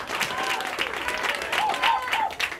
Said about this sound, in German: Einen fetten Applaus für den nächsten Act